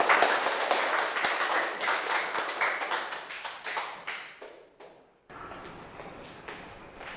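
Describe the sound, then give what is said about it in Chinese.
An audience applauds to welcome a food blogger group to the stage, with dense, steady clapping that gradually thins and fades over about five seconds, then breaks off abruptly into a soft, hissy background. “好，来，美食博主小组有请，大掌声欢迎。”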